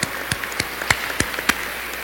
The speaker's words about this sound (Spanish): Muy bien, un aplauso para ustedes, por favor.